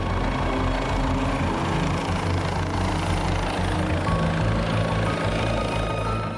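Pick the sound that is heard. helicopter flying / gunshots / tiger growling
helicopter flying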